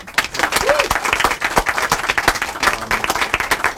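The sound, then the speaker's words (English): A crowd applauds steadily for the people who run an indie bookstore in Kingston, a dense patter of many hands clapping at a fairly loud, even level throughout, with a few sharper individual claps standing out. “And another round of applause for the brave people who have an indie bookstore here in Kingston,”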